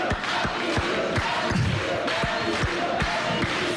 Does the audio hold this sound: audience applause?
yes